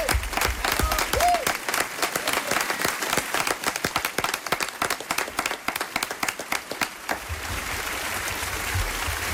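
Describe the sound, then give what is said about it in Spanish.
An audience breaks into sustained applause for Tony Canal, the late actor who was the voice of Winnie the Pooh in Spain, many hands clapping densely and loudly in a steady wash, with a few brief cheers early on, then tapering slightly toward the end. “Voy a pedirles un aplauso también para la voz de Winnie the Pooh en España, que es la voz que acompañó al personaje del osito amarillo durante décadas y que pertenecía al actor Tony Canal, que por desgracia ha fallecido hace apenas unos días”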